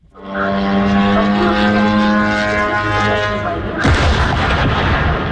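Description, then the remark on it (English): A steady, buzzing drone engine hums loudly for several seconds as a Ukrainian drone crashes into a warehouse of the Russian retailer Wildberries in Elektrostal, 60 kilometers east of Moscow, then a sudden heavy explosion bursts in and leaves a loud, rough rumble of blast noise. “In the city of Elektrostal, 60 kilometers east of Moscow, a Ukrainian drone crashes into a warehouse of the Russian retailer Wildberries. The explosions and resulting fires, which burnt for 3 days, so large they could be seen from space”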